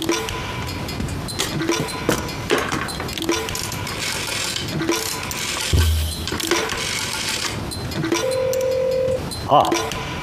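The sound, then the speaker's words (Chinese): A telephone being dialed: a run of small, evenly spaced clicks, then a steady tone lasting about a second, with faint background noise and muffled voices underneath. “哦，当然可以，我给他们打个电话。”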